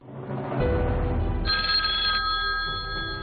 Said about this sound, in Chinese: 4月16号凌晨1时15分，齐切林打电话将拉特瑙伯爵从睡梦中叫醒，邀请德方当天上午11时到热那亚郊区拉巴洛举行双边谈判